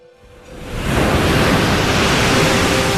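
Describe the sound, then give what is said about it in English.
Ocean waves surge in with a rising rush of broad, roaring noise that swells over the first second, then holds as a loud, steady wash of churning water. No voices. “When he waved around the red silk ribbon, the ocean waved along.”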